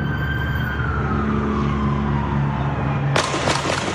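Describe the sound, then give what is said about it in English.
Gunshots ring out near the end of police body cam and cell phone footage of a traffic stop, where an agent shot through the car's passenger-side window: a sharp crack followed quickly by a second, cutting through steady road noise and a faint wailing siren. No one speaks. “we're about to hear the moment Garces Perez was shot”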